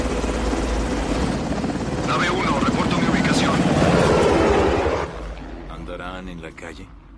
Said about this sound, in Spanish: Un helicóptero sobrevuela el río cerca del edificio.